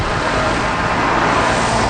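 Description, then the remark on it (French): Loud, steady roar of busy main-street traffic in the town of Mercier, a municipality of 14,000 residents, with many heavy trucks passing through, a continuous rumble of engines and tires with no pauses and no voices. “Dehors, dans la ville de Mercier, la rue principale est passante. Les camions qui traversent la municipalité de 14 000 résidents sont nombreux.”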